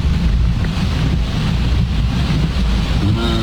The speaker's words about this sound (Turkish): Abi öyle böyle yağmıyor. Şeye bak. Şuradan gelen suyun hızına baksana ya. Aynen. Dere olmuş. Mecidiyeköy köprü altı.